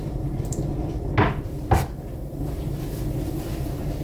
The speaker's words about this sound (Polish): Zamykamy piekarnik i chleb się nadal piecze.